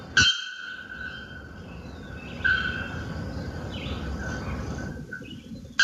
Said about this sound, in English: Well, there's another bellbird, the bare-throated bellbird, that has taken a little bit of the title. And this is the bare-throated bellbird's call.